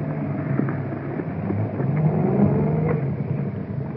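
A car engine revs with a steady low rumble as the vehicle backs up, the motor swelling slightly louder midway before settling. It is continuous, with no voices.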